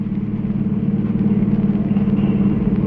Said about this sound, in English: I got hold of a car, see, and I was driving down 6th Avenue over near Radio City.